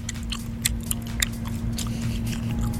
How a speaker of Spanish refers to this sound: Van masticando el chicle, bájale al sonido.